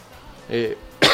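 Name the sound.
coughing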